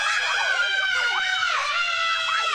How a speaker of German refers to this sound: Jeder sagt doch vor der Achterbahn den immer selben Satz. Ah, diesmal schreie ich aber nicht. 3 Sekunden später.